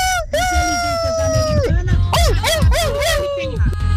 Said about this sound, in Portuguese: Que isso? É galo com cachorro? Para tudo, produção. Que é isso? É galo com cachorro?